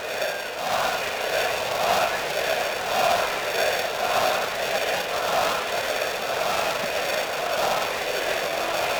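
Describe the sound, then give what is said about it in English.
A large baseball crowd down the right field line chants during the seventh inning of a Cardinals–Royals game, in a steady, repeated rhythm, the massed voices swelling and dipping in regular pulses at a constant loud level with no single voice standing out. “Not sure I know what they're saying, or maybe I don't want to. The crowd down the right field line.”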